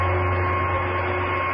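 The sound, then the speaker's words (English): A heat generator, switched on to raise engine temperature, hums steadily, a loud mechanical drone with a low electrical buzz and a hissing wash above it, holding constant throughout with no voices. “Switch on the heat generator.”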